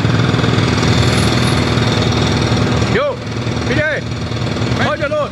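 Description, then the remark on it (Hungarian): Loud, continuous jackhammer pounding dominates a busy construction site, with rough engine rumble underneath; from about three seconds, the shouting voices of construction workers cut in over the racket, picked up by a microphone left at the site. “személyesíti meg az építkezésen dolgozókat, akiket egy ott felejtett mikrofon segítségével hallhatunk.”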